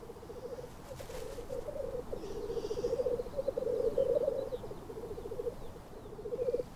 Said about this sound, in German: Akustische Untermalung des Frühlings kommt von den Birkhühnern.